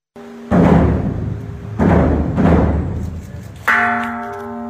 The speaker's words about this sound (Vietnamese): Ba hồi chuông là lời tri ân những người đã hy sinh vì độc lập tự do của Tổ quốc